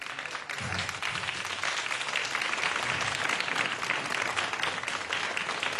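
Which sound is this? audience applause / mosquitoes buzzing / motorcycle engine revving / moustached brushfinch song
audience applause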